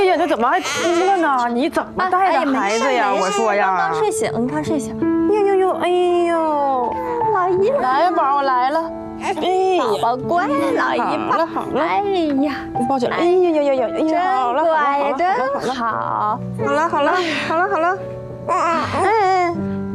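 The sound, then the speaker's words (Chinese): A baby who has just woken up cries loudly in long, wavering wails that continue without pause for the whole stretch, with adult voices talking underneath. “怎么还哭了呢？”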